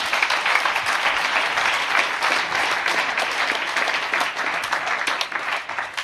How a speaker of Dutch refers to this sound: Vandaag geeft ze letterlijk en figuurlijk het stokje, of beter gezegd, het koffertje, door. Geef me een warm applaus, Esther Vergeer.